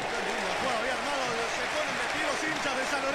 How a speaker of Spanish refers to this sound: Para aplaudir a Arboleda, que gambeteó, se mandó el pateo, saque de arco para Talleres. A los Zapata el colombiano, agarró la lanza, se metió a pura gambeta, después le pegó fuerte de derecha, por eso el aplauso de los fieles.